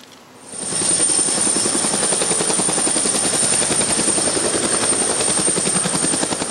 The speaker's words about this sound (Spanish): ¿Qué tan difícil es aterrizar un helicóptero en el medio de la ciudad?